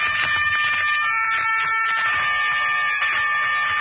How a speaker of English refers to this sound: Not the distant horn of Roland, protector of France, but the strident horn of the motor car that was to take an American child away from the scenes of his happiest years and send him on his journey home.